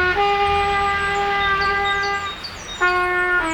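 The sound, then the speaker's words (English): A beginner, the kid next door learning the trumpet, blares one long, unsteady held note, breaks off briefly, then honks out another rough blast. It is loud, with no one talking. “We can't help the kid next door learn the trumpet any faster.”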